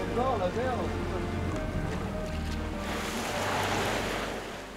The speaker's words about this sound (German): Unterwegs im Rhythmus von Wind und Wellen. Die Steilküste mal aus anderer Perspektive.